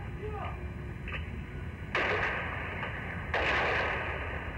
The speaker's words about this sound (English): the tanks opened fire with their machine guns to clear the crowds out of the way. And now, with the troops safely in the square, they're moving slowly down the boulevard.